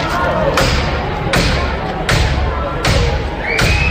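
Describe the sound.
Police force open the street door of a residential building during an eviction with heavy, loud blows: five booming thuds at a steady rhythm, each with a sharp crack, over a constant background of murmuring voices.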